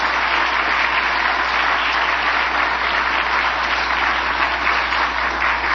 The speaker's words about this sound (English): Would you join me in giving the whole team here a round of applause for the extraordinary work that they do?